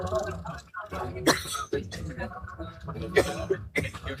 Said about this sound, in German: Der Husten ging weg.